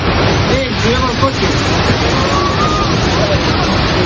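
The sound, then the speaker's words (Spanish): Strong floodwater currents rush through the streets of Manzanedo de Valdueza, near Ponferrada, Castilla y León, Spain, after intense rain, even dragging vehicles; a steady, loud, unbroken roar of churning water, with faint voices briefly rising beneath the noise. “El sonido de la localidad de Manzanedo de Valdueza, cerca de Ponferrada, donde las fuertes corrientes de agua que han asolado las calles del pueblo arrastraban incluso vehículos,”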